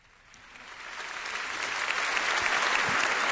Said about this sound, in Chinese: 好多好多掌声欢迎呢位好值得尊敬嘅妈咪。